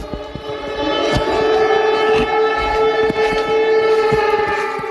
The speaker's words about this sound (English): And all of this on the same night that the ominous sound of air raid sirens could be heard in neighboring Poland, which says that an unidentified object crashed and caused an explosion deep inside its territory during those strikes.